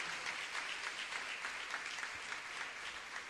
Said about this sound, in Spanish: Denle el aplauso al Espíritu Santo, al Espíritu de Dios.